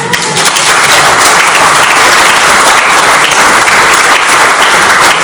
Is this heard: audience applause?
yes